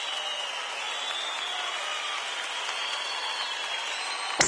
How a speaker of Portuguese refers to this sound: Cadê o aplauso